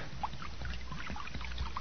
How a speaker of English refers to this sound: Well, I done found a jug of acid here. Now I'm going to start pouring it now.